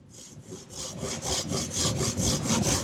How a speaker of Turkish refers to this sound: Testereye geçelim.